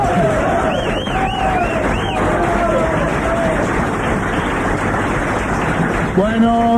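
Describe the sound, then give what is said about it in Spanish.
An audience at a live joke-telling performance claps loudly and steadily for several seconds, a dense wash of applause with whistles and a few shouting voices rising through it, ending with a short vocal cry. “Bueno, no aplauden tan largo, me voy a chupar hasta que terminen de aplaudir.”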